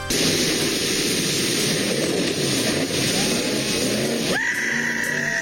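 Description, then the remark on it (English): A man launches his speedboat off Lundbreck Falls in the Crow's Nest Pass, a 39-foot jump; the engine roars, blending with a loud, steady rush of churning water that shifts abruptly near the end as the boat goes over. “Police and conservation officers say that they are looking into a viral video that shows a man launching his speedboat off of Lundbreck Falls in the Crow's Nest Pass.”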